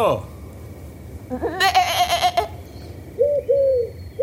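sheep bleating

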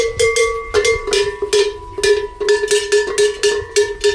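large cattle bells ringing

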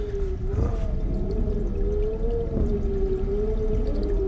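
creaking wardrobe door

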